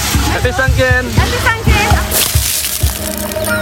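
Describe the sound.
Water sloshes and splashes in bursts as people pour bucketfuls of water over one another during a festive celebration with Buddhist monks, with one louder rushing splash near the middle, amid lively voices.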